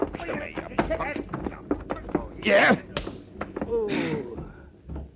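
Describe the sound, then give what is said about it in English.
A rapid series of thudding punch impacts with scuffling as a man is hit, then a louder burst of struggle and a strained groan as he is knocked out and goes down; vocal grunts mix in throughout. “Only I shouldn't have hit this guy so hard.”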